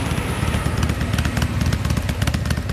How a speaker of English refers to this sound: A lady headed home on her motorbike in front of me.